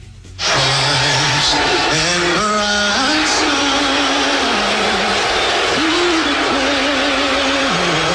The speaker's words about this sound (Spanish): Abucheo en medio del canto del himno norteamericano. Ahí estaba presente en el Madison Square Garden, en la final de la NBA. Estaba Donald Trump. Y pues así le fue. El chiflido, el abucheo generalizado.